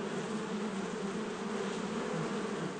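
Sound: honeybee colony buzzing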